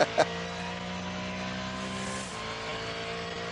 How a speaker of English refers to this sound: Frank, as you say, back out in the Mustang. That's the number 67. Is it Fred that went out? Right, that's interesting. Okay. Just compare the engine note of this to a few minutes ago, Verstappen's V8 Mercedes, and how different